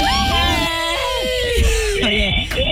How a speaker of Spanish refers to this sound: Tremendo grito ahí. Todo el mundo ahí. 3, 2, 1, de nuevo.